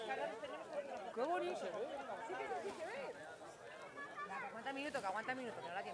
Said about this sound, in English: You may have heard cheers around me. I have to say, this is one of the most spectacular eclipses I've seen, low on the horizon.